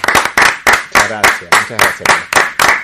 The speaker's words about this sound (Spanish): Así que, como siempre, a nuestro invitado lo despedimos con un aplauso como corresponde.